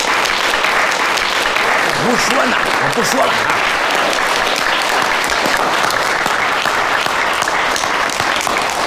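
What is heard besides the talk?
audience applause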